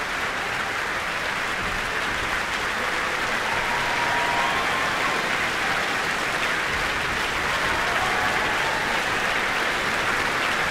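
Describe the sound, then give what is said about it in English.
Sustained applause from a large concert audience for a large orchestra conducted by Benjamin Northey after a Prokofiev work, as the principal players acknowledge it: a dense, steady wash of clapping that holds at an even, fairly loud level for around ten seconds without pause. “Benjamin Northey is gesturing that the various principal players in the orchestra should acknowledge the applause.”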